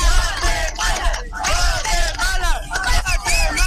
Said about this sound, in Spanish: A ver, para acá. Hagamos una porra para Guatemala. Guatemala.